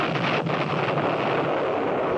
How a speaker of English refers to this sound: At noon, Major Shear just finished blockading the entrance of the pass when we heard the first explosion far along the valley leading north.